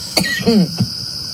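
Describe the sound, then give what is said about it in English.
A few short coughs from people in a replayed audio clip, in quick succession, with a brief throaty, voiced rasp between them, over a steady faint background hiss. “We just heard the audio. You guys are just coughing.”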